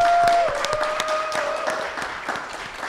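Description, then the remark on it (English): A crowd applauds poet Mama Angela Jackson at a live show, The Live Frequency, Verse and Vision, with dense, steady clapping for a few seconds, a faint sustained tone humming underneath. No one speaks. “Can we please give her a nice round of applause?”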